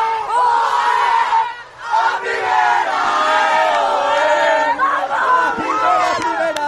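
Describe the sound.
A group of women's voices, Valencia's women's football players celebrating their promotion to Liga F, chant and shout together in a loud, rhythmic celebratory cry, with repeated rising calls, a brief dip partway through, then more exuberant group yelling.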